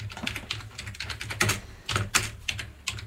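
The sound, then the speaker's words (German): Rapid typing on a computer keyboard, entering "Gamelan" to search for a gamelan orchestra, a quick irregular run of crisp clicks and taps with a few louder keystrokes, over a faint low hum and no talking. “könntest du vielleicht einfach Gamelan eingeben oder soll ich dir helfen, Gamelan zu finden?”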